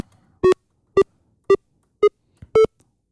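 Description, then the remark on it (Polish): Five short electronic beeps sound alone at an even, steady rhythm, each a bright, buzzy mid-pitched tone of about equal loudness, produced as the channel-one fader is moved down, the tone getting lower as the volume decreases. “I teraz na razie mam tylko tyle, że suwak od kanału pierwszego w ogóle, niezależnie czy to jest sterowane kontrolerem, czy w jakikolwiek inny sposób, jak go przesuwam w dół, no to po prostu im mniejsza głośność, tym podaje, tym jest niższy ton.”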